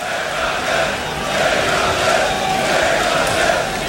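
A Graspop Metal Meeting concert crowd chants a band name in a steady, loud rhythmic roar of many voices, swelling slightly in waves throughout.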